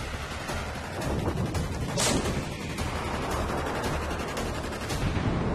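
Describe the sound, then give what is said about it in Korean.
A dense, continuous barrage of cannon artillery fire and gunfire, with overlapping blasts and rumbling booms at a steady, loud level throughout and no voices. “오늘날까지도 널리 쓰이는 가장 오래된 형태의 화력, 대포입니다.”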